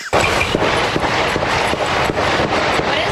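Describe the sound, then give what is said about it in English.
A steady string of sharp gunshot cracks from a shooting, roughly eight in quick, fairly even succession, punching through a constant loud wash of background noise, heard behind a reporter during a live NBC news report. “Dozens of gunshots going on behind her.”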